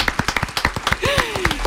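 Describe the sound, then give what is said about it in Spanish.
Brisk, steady clapping from a small crowd applauding band members just introduced on keys, drums and guitar, sharp claps in a quick even rhythm, with a whistle sliding downward in pitch partway through. “así que un aplauso a mis compis.”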